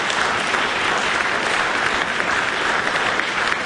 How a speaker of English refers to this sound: Wasn't that impressive? Let's have another round of applause for these amazing rangatahi, their coaches and whānau, and their schools and teachers.